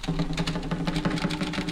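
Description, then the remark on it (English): Rapid, steady mechanical clacking like a typewriter being typed on quickly, fairly loud, with a low hum underneath and no voices. “Drums in this typewriter.”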